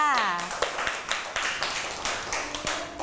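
A brief spoken phrase opens, then hands clap in a steady, fairly quick rhythm of sharp, bright smacks that continue at an even loudness until the end.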